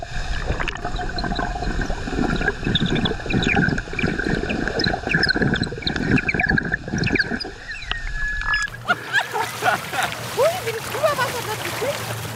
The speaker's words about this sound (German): Also wir tauchen beide ab, du nimmst das tolle Unterwassermikrofon mit und ich spiele die Symphonie des Wassers unter Wasser.